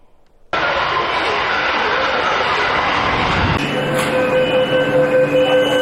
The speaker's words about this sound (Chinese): 近日，在北京地铁一号线大望路站，一列崭新列车缓缓驶入站台。这是超长期特别国债支持下，一号线负八线老旧车厢淘汰更新的最新成果。